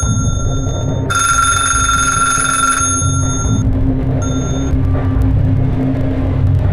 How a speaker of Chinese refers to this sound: 可巧，就在这个时候，您听，电话响。